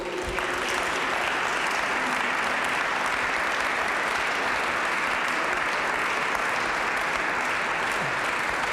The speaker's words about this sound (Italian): Mi sposto per dare il là alla prima corale, la corale che arriva da Nijin, Ucraina. Accogliamo con un bel applauso i cantori.